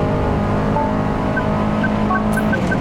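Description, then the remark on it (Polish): A loud, steady roar of a rally car engine as the driver eases slightly off the throttle through a very long corner, with a few short, high squeals of tires skidding breaking through near the end. “Tutaj lekko puściłem gaz, bo czułem, że wynik samochód nie wyrabia.”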